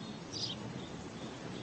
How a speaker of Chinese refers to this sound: 四月正是花开的季节，麻雀在枝头鸣叫。